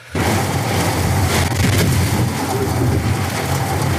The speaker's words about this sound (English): started whacking against the building. Sheets of rain were pounding the window like a fire hose. Wind gusts here topped 70 miles an hour. It almost sounded like there were waves lapping against the side of the building. I recorded a little bit of it.